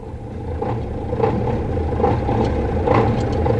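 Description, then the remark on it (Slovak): A large truck engine idles steadily, its deep, even rumble running throughout with a slight throb and faint clanking above, continuous, with no voices. “Hej, Váňuška, sadaj rýchlo na auto.”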